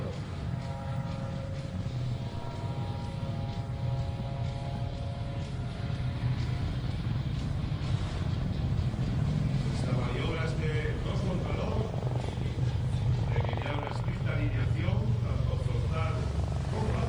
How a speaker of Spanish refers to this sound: Dos contra dos. Eso es, se van a cruzar a una distancia muy reducida, los cuatro helicópteros, yendo en rumbos inversos.